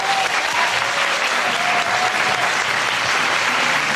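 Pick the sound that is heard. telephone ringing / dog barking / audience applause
audience applause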